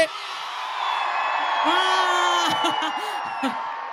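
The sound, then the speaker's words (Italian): A large crowd at the 105 Summer Festival in Chiavari, Italy, roars and screams together on the host's count of three in one sustained, loud burst, with individual whoops and shouts rising out of the mass of voices before it starts to fade. “Visto che questo è un 105 Summer Festival che va in giro per tutta l'Italia e non solo, voglio sentire al mio tre l'urlo di tutta Chiavari.”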